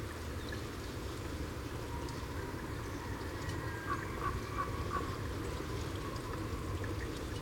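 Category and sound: bird, common raven croaking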